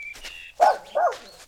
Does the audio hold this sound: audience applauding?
no